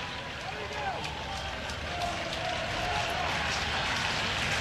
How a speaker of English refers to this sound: Crowd urging Yasa through this one.